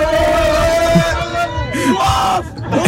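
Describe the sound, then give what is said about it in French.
A crowd of SOC football supporters shouts and cheers on the supporters' bus in the morning, loud overlapping yells and chanting voices with sustained pitched calls rising and falling throughout, making as much noise as possible to encourage their players. “Le but c'est de faire le maximum de bruit pour encourager nos joueurs sur le terrain en espérant la victoire à la fin.”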